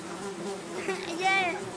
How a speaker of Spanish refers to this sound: Hay una mosca por ahí. A ver. ¿Hay mosques?